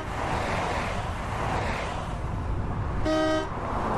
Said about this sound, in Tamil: இதோ பாரும், நமக்கு பின்னால் வந்த கார்கள் வண்டிகள் எல்லாம் வேகமாக நம்மை கடந்து செல்கின்றன.